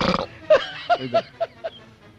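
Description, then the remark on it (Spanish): A man burps in a video, a quick string of five short, croaky belches after a rough, noisy opening burst, each one fading out clear with no talking. “se eructa y se tira.”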